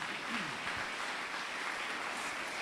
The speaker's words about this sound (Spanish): ¿A cuánto le damos ese fuerte aplauso a nuestro Rey Celestial?